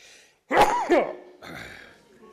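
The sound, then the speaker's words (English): A sharp sneeze bursts out abruptly in a quick double-pulsed blast, followed by a short murmur of a voice. “Bless you.”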